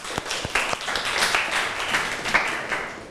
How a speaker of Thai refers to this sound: ครูก็ต้องขอเสียงปรบมือให้กับคลิปสาระดีน่ารู้ในวันนี้ด้วยค่ะ